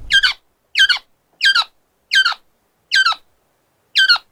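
A koak bird squawks six times in a steady rhythm, each call a harsh, bright burst with pauses between, fairly loud, with no other sounds around it.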